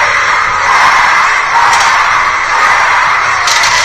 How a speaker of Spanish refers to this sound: Y ahí comenzaron a escucharse, como usted lo puede apreciar, se comenzaron a escuchar gritos de fuera, fuera, fuera.